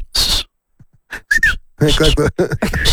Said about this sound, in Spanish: Lo que más se necesita es el chiflido mexicano, ¿no? No, y el como... No, para saludar. Así para todo.